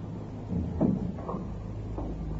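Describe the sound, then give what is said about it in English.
A door is pushed shut with a single muffled thud and a brief wooden rattle, followed by quiet room tone with no talking. “Just shut the door.”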